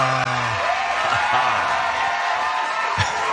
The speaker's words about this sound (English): I had to put in some special effects applause there because I love it.